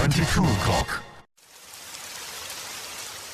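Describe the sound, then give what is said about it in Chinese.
A steady hiss of falling rain fills the last two seconds, soft and even with no distinct drops, after a brief voice and a moment of silence. “知道天上为什么要下雨吗？仔细听啊，那是我的思念滴滴答答滴入你的心，告诉你我在想你。”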